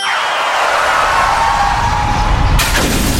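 A falling whistle-like tone over a low rumble gives way to a sudden, bright crash of a car windshield shattering near the end, loud, with no talking.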